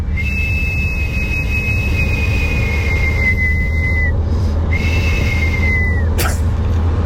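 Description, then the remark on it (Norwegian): Eerie two-part human whistling: two long, steady high notes, each drooping downward at the end, with a brief gap between them. A loud, constant low rumble runs underneath. “som skriver min skrekkplystrelyd”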